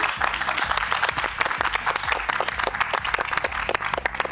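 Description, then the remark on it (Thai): Sustained audience applause for five guests, three siblings and their parents, a dense crackle of many hands clapping at once that holds steady for the whole stretch, with a rhythmic low musical thump running underneath. “ขอเสียงปรบมือให้กับทั้ง5ท่านด้วยนะครับ”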